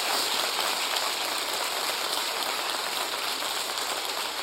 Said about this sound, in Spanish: Dale un aplauso al Rey que vive. ¡Aleluya!